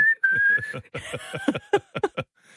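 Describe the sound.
A person whistles a steady, sustained high note through their lips. Rapid, rhythmic vocal bursts pulse underneath the whistle, then continue in choppy beats after it fades.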